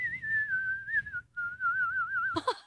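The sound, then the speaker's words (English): A person whistles a national anthem in a clear, steady tone with gentle pitch wavers and a brief pause midway. A low background rumble runs underneath, and a short noisy burst cuts in at the end. “It's already impressive enough if you can whistle the national anthem like that.”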